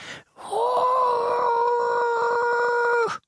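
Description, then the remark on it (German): A voice imitates the very quiet roar of a tiny lake monster no bigger than a frog: one long, steady, thin wail held for about three seconds, sounding more like a drawn-out moan than a real growl, with no talking. “Und wenn es brüllt, tut es das sehr leise. Ungefähr so.”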